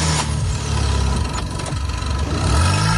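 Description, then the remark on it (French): A car engine runs loudly and steadily, its low rumble rising and falling slightly as it revs, as a car with a good battery, linked by cables to a car with a dead battery, is started and left running. No voices present. “Une fois les deux voitures ainsi reliées, démarrez le véhicule équipé de la batterie en bon état et laissez tourner le moteur quelques instants, puis essayez de démarrer la voiture en panne.”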